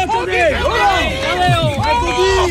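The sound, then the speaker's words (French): A dense crowd of cycling fans gathered in front of the UAE team bus chattering at once, many overlapping voices forming a steady hubbub with no pauses throughout. “Et oui, il y a foule.”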